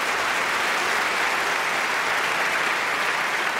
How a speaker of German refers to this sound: Deswegen nochmal einen extra Applaus an diesen wunderbaren Mann.